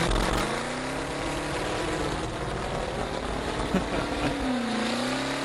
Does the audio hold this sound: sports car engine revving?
yes